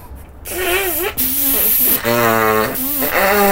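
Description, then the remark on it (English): A child gives a long, loud nose blow into a handkerchief: hissing bursts of air with a wavering, honking tone that rises and falls across several seconds. “Right, now give it a good blow.”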